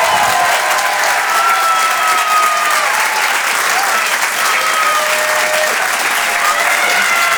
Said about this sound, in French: Je vous demande de l'encourager et de l'applaudir très, très chaleureusement, s'il vous plaît.